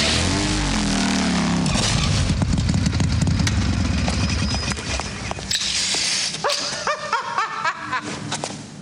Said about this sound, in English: The dentist crashes into a wall on his motorcycle.